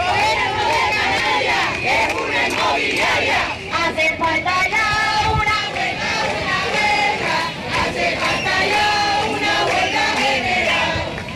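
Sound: street protest crowd chanting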